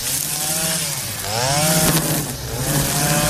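Small gasoline engines of mowers, a tractor mower and string trimmers drone loudly and continuously as grass is cut at a pilgrimage shrine on a Saturday, their pitch rising and falling as the throttle revs up and eases off.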